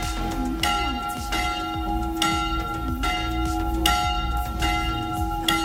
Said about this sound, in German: Das sind nämlich die Glocken der Annakirche in Aachen und die haben am letzten Freitag gleich mehrfach in der Stunde geläutet.